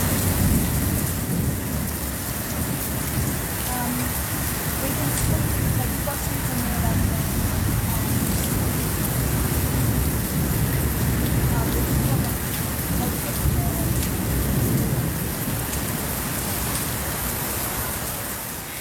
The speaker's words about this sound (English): Power off in Northside in Alice. Hectic winds would have been approaching at 100 kilometres an hour, so very windy. Sounds like a fast-moving storm.